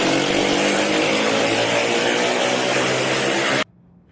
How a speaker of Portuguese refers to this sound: Nas imagens é possível ouvir o barulho do escapamento de uma das motocicletas.